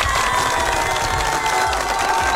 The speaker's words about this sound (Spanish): Así que si tú eres un diseñador industrial, feliz día. Un fuerte aplauso para ti. Claro que sí, por favor.